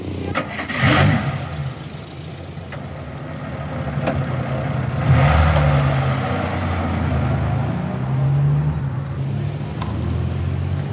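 A car that once belonged to Red Harris idles with a steady low rumble, rising briefly in a couple of revving swells before settling back into an even hum; no one speaks.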